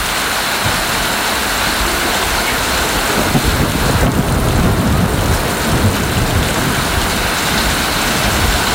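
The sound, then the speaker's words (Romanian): A rushing flash-flood torrent in a valley of the Bucegi Mountains, where two hours earlier there was only a small stream, roars steadily and loudly throughout, a dense, unbroken wash of churning water with deep low rumble underneath and no voices. “Sus de peste 30 de minute sunt torenți enormi, viituri foarte, foarte mari.”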